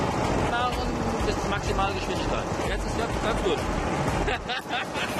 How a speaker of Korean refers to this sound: 기계화가 어려운 급경사 포도밭에서 이 트랙터는 사람 손을 덜어주는 거의 유일한 기계입니다. 케이블이 연결돼 비탈에서도 안정적으로 움직일 수 있다지만 직접 운전해 보니 만만치 않더라고요.